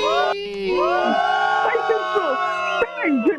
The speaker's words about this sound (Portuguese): Você tá sendo vaiado.